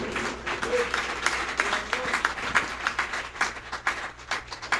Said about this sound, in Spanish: Dale un aplauso al fuerte al Rey de Reyes.